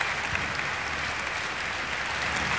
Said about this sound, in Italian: Ancora tutta l'orchestra in piedi insieme a Riccardo Chailly, a Hayato Sumini. Come senti, Riccardo, un grande calore, un grande applauso.